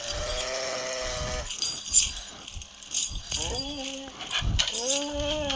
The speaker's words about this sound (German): Oh nein. Oh Gott. Der Hund ist in die Fallen reingekommen. Der arme Hund.